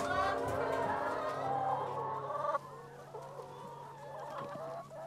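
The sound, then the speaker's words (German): A flock of laying hens clucks and cackles busily, still laying eggs around midday. Dense overlapping calls are loud for the first half, then thin out to quieter, scattered clucks with a steady hum underneath. “Und das sind noch die Hühner, die heute Mittag mit ihrer Arbeit noch nicht fertig waren.”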